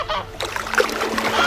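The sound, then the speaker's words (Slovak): Birds screech and honk in short, overlapping calls over a steady wash of splashing water, moderately loud, with no one talking. “Čo toľko škriekate po tvore?”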